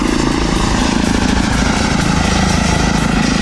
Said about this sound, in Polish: No, w porównaniu do helikoptera jest mega cichy. Tak, zdecydowanie to jest główna zaleta samolotów elektrycznych